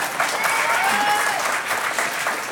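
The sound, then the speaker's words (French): An audience claps steadily for a contestant from a hamlet of Le Conquet, a dense, even patter of many hands at a loud, constant level, with a faint thin tone briefly sliding through the middle. “Ça s'applaudit aussi, oui.”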